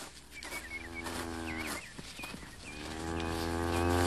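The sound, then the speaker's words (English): A cow named Lady Queen, with her calf hidden in a briar patch, lets out two long, low, drawn-out moos, the second growing louder, while small birds chirp faintly in the background. “With a calf hit around, it's hard to tell what she might do.”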